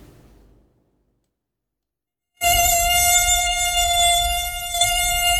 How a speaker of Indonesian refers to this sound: Kau sedang tidur nyenyak dan tiba-tiba kau terbangun karena dengungan nyamuk di kupu telinga. Rasanya menyebalkan tuh.